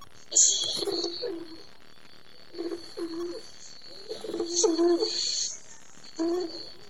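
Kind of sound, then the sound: bird, dove cooing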